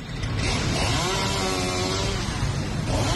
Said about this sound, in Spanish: El sonido de la motosierra alertaba a los viandantes y a Más Madrid, que denunciaba ya en el interior la tala de árboles en el entorno de la Plaza de Cibeles para la instalación de un escenario para la visita del Papa.